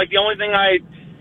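A car chime as the car turns on its own turn signal while slowing for an upcoming turn: two quick, bright electronic tones back to back, fairly loud, followed by quiet cabin hum.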